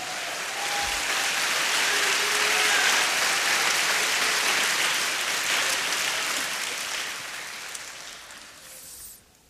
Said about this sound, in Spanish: Dele palmas al Señor.